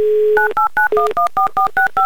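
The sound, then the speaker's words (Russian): A telephone number in Vologda is dialed for a call-in game on the radio station Humor FM: a brief dial tone, then about ten quick touch-tone beeps in a steady, even rhythm, loud, with no voices. “Набрали номер.”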